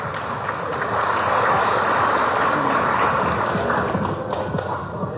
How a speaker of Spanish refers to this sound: ¡Fuerte los aplausos!